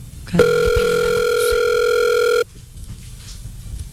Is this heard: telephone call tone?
yes